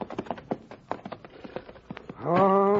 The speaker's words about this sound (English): Hey, look at all them horses at the hitching rail there. Looks like they got a passel of company, Hoppy.